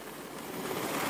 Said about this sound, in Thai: แล้วก็จะเห็นนี่ค่ะอากาศยานกำลังขึ้นลงจากเรือยกพลขึ้นบก USS Boxer ด้วยค่ะ